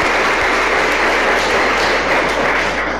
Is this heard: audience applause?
yes